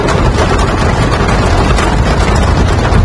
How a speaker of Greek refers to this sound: Σφοδρό χαλάζι πλήττει τα βορειοδυτικά της Αττικής. Οι εικόνες αυτές από την Πάρνηθα σε τίποτα δεν θυμίζουν καλοκαίρι.